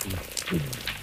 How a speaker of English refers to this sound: And then we have these paired underwater video cameras that are able to visualize what species were making each sound. My favorite sound is definitely the black rockfish.